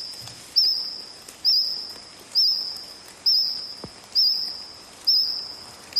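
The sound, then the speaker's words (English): A cricket sings close by in a steady series of shrill, high-pitched chirping bursts, each starting sharply and fading, repeating about once a second over a quiet background with no voices. “Sounds more like a cricket, probably singing close”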